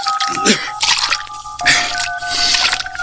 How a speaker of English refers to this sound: Maid, sprinkle the room with water to settle the dust.